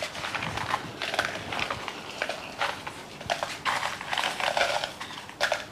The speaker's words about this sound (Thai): ต่อไปแล้วก็จะตำ พริก ค่ะตำพริกแห้งที่เราคั่วไว้นะคะ